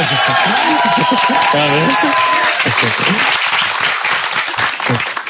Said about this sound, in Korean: 박수가 안 멈추니까 되게 당혹스럽네요.